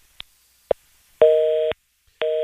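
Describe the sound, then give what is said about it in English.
Two sharp clicks on a phone line as a caller's call is cut off, then a loud, steady dual-pitched busy tone that pulses on and off in an even half-second rhythm. No one speaks. “Your phone got cut off.”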